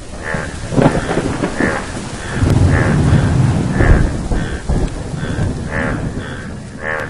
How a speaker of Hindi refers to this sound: टर टर सुनकर बादल आए और झूम कर बरसे।